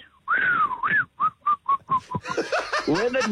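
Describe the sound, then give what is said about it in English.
A person whistles a long swooping note followed by a quick run of six short, evenly spaced pips, imitating the whistle a mechanic starts after opening a car's bonnet and taking out his cigarette, then breaks into laughter. “Opens up the bonnet, takes out his cigarette, and he starts to whistle.”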